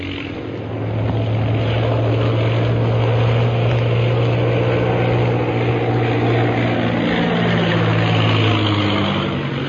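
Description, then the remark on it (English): Propeller airplanes drone loudly and steadily as the remaining planes of a fifteen-plane air squadron turn back from their flight and land at a camp. Their engine pitch wavers and shifts slightly as they pass, with no voices, just a continuous, rumbling hum throughout. “Following the example set by the leaders, the rest of the 15 planes of the Purple Triangle Air Squadron turn back from the ordered flight and land at the camp.”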